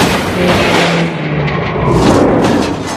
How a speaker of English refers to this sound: The two cars roll to a stop, both upside down. Oh, no, no. John Gerard and Ricky Bobby have wrecked in the last lap on the straightaway.